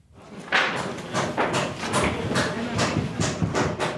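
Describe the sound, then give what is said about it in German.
Dozens of emergency service workers hammer and saw on the roof of the Cathedral of the Dormition in Ukraine, building a temporary wooden roof frame: a long run of sharp, bright blows about two or three per second, fairly loud over a continuous rumble of work noise. “Dutzende Mitarbeiter des Katastrophenschutzes arbeiten auf der Maria-Entschlafts-Kathedrale, hämmern und sägen.”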